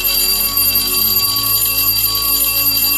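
A school bell rings continuously for about three seconds as the Rádió 1 radio station's gong jingle, the signal for sending messages, a loud, bright metallic ringing with steady high overtones and no voices.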